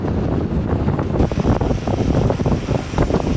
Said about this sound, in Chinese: 刚才我们在岸上看你们的时候，就感觉这个浪很大。 对，它有浪涌。 有浪涌， 因为最近天气变化，它这个浪还是有点凶猛。 对，而且我感觉你们就每次一转弯的时候，那个浪都溅起好几米了，感觉啊。